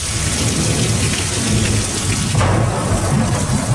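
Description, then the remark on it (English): Heavy rain pours down in a dense, steady roar while deep thunder rumbles continuously underneath, loud, with a brief swell in intensity partway through, from a major storm, Tropical Storm Bertha, bearing down on the U.S. Gulf states. No voices. “A major storm is bearing down on the U.S. Gulf states.”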